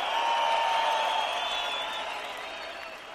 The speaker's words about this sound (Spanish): ¡Que sigue ese aplauso chido para estas grandes cantantes rocarroleras!